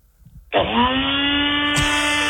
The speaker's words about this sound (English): What do you got there, NutriBullet? Yeah, that's the one.